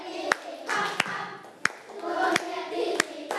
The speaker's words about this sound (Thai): นกเขาบินข้ามเขาเสียงดังๆเลยปรบมือเป็นจังหวะด้วย